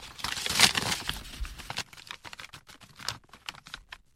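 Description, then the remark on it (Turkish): Crisp rustling and crinkling of a denunciation letter being unfolded and shown, loudest in the first two seconds, followed by a string of lighter, uneven clicks and taps as the sheet is handled. “Dürüstlüğünüze güvenerek bize gönderilen ihbar mektubunu göstereceğim size. Bakın bakalım, bu yazıyı tanıyor musunuz?”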